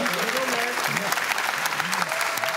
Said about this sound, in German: Da hat er jetzt mal eine Frage falsch gemacht. Da können Sie ruhig mal klatschen.